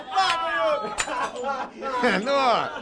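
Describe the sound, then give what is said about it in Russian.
Glasses clink as one is set on top of a stack of other glasses, balanced so they don't tip over: a sharp bright chink stands out among a few lighter taps, while people talk over it throughout. “Сможешь ли ты поставить сверху еще и свой стакан?”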